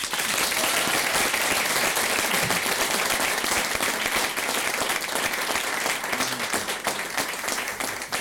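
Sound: big round of applause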